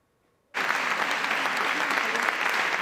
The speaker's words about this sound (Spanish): Un largo aplauso tras su regreso 25 años después de convertirse en la primera mujer en denunciar acoso sexual en política.